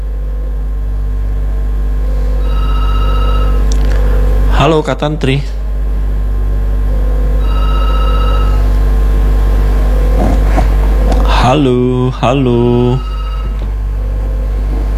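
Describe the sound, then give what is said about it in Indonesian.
A telephone line rings with steady electronic tones that repeat in spaced bursts on a call-in line, calling a listener in Parepare, while a voice calls out greetings over it between the rings. “Saya jawab lagi telepon biasa apa yang kalau begitu.”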